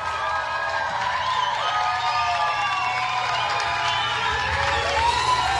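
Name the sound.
audience applause and cheering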